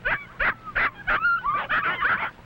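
Several puppies whimper and yap in quick, overlapping bursts, high-pitched and close, with a steady rhythm of short cries and squeals and no talking.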